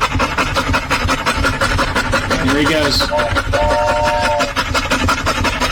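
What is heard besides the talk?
dog panting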